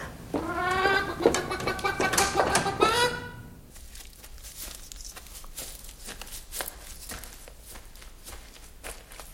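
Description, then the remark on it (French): Hens cluck and cackle loudly in a rapid burst of repeated calls for a few seconds after a pink hen has just laid an egg, then fall away to quieter scattered scratching and footstep-like taps in the yard. “Ah, la poule rose vient de pondre son œuf sur le lit. Voyons un peu dans la cour.”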